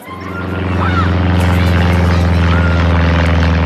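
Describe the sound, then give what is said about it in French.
A small propeller plane drones steadily and loudly as it makes huge circles in the sky over a park, its buzzing engine tone swelling slightly at the start and then holding constant throughout, with no voices. “ce bruit attire son attention. Elle lève les yeux. Un petit avion dessine d'immenses cercles dans le ciel.”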